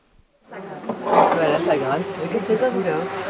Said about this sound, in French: Voilà, ça gratte. Qu'est-ce que c'est pas vous là? Je gratte la glace.